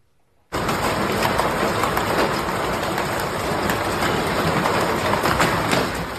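Hail pummels down on Paraguay's capital during severe storms with wind gusts, a dense, loud, unbroken clatter of countless impacts with sharp cracks throughout, starting abruptly and never letting up; no voices.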